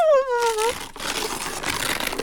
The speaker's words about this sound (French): déchire le beau papier bleu étoilé.